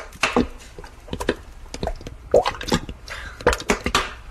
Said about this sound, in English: Get a big saucepan. Pour in all the peppers.